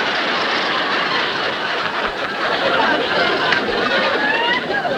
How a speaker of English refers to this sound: They're applauding sort of like, they're applauding like they're sort of happy that I'm leaving the state tonight.